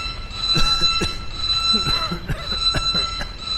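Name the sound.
alarm sounding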